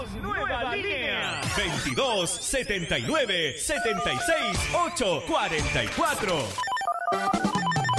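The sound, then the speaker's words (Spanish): A telephone bell rings within a loud, busy radio station jingle inviting listeners to call in, with swooping, overlapping voices and effects, the layered cacophony running continuously before a steadier high ringing tone near the end. “suena. ¡Suena! Comunícate con tu radio regalona.”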